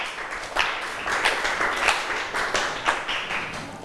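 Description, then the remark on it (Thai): Students in a class applaud their classmates in group 5 steadily for about four seconds after the group's presentation, a dense wash of overlapping claps with sharper individual slaps rising out of it now and then, fairly loud and with no talking. “ค่ะขอบคุณกลุ่มที่5ปรบมือให้เพื่อนหน่อยค่ะ”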